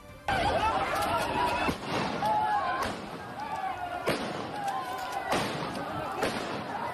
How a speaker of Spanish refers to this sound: Pues este es el sonido que se escucha ahora mismo en la ciudad de Ceuta prácticamente todos los días, el de gritos, el de disparos disuasorios, y como digo, desgraciadamente está siendo habitual porque la violencia va en aumento